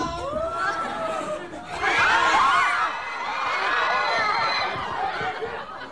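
A cinema audience screams and shrieks together in a dense, overlapping burst as zombies from Yeon Sang-ho's zombie film Gunche (군체) appear in the theater, swelling louder near the middle before settling into continued excited yelling and chatter.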